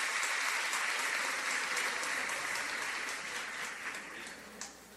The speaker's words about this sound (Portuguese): Então, para eles também a nossa gratidão e as nossas palmas.